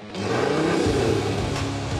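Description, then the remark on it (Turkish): A car engine fitted with a side-exit exhaust and a cooler rumbles loudly and steadily for two seconds, a low throaty drone with a rough, buzzing edge and no voices over it. “Yandan çıkış egzozla ve soğutucuyla birlikte Alman halkının şarkısını söylediğini duyabilirsiniz.”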